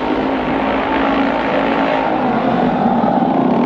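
A motorcycle engine roars loudly, revving in a steady, sustained growl for a few seconds with no voices over it.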